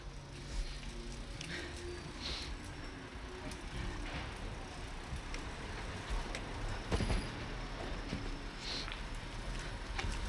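Busy traffic on Boulevard Saint-Germain, with buses and taxis sharing a bus-taxi lane and taxis often driving fast: a steady low engine rumble as vehicles pass continuously, with occasional brief clanks and hisses rising above the dense roar.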